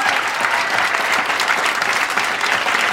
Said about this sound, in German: Dieser Applaus, meine Damen und Herren, gehört auch heute zur Musikpalette am Montag, denn das ist die Siegerin des Talentwettbewerbs des Saarländischen Rundfunks.